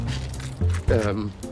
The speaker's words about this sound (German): Na komm, gib mir die Schlüssel und ich erledige den Rest